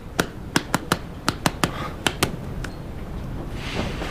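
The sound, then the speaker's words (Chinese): A short burst of sparse, scattered applause, about nine sharp claps in an uneven rhythm over two and a half seconds, then fading into a soft background hiss with no talking. “幼儿园入学考试题，听懂掌声。”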